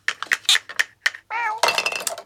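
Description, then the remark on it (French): Light, quick clinks of small toy dishes tap out an uneven rhythm as a mouse and a cat play with a toy tea set, then a cat meows briefly before a busier flurry of clattering and jingling. “La souris et le chat jouent à la dinette.”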